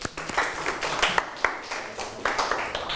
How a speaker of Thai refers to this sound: กลับเข้าที่ได้ปรบมือให้เพื่อนอีกครั้ง